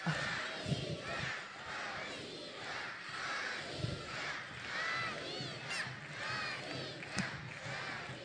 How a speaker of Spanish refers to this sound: Vamos a ensayar, porque cuando ella entre, quiero darle una gran sorpresa y un gran recibimiento. A la cuenta de tres, vamos a decir bien fuerte, ¡Anita!